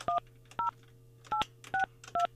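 Five short telephone keypad dialing tones, each a crisp dual-pitched beep, pressed at a slightly uneven pace over a faint steady hum, with no one talking, as a number is dialed to phone someone during a Far East Broadcasting radio show.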